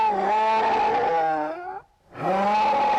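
A bear growls in two long, loud, groaning bursts, the first drawn out and slowly falling in pitch, then a brief silence before the second begins.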